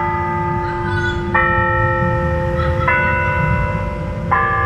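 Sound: bells chiming the hour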